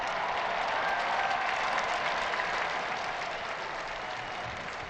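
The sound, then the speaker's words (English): A large outdoor crowd in a square applauds steadily, welcoming the Holy Father as he appears at the window of the Apostolic Palace; a dense wash of clapping with faint cheers mixed in, sustained and even throughout with no speech. “We join this crowd as we welcome them.”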